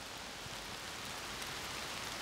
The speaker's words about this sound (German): Nach wochenlanger Trockenheit endlich mal Regen.